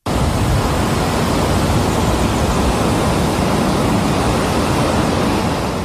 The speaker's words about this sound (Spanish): Así suenan las aguas del río Piedra precipitándose en una caída de 56 metros de altura en pleno corazón del Parque Jardín Histórico.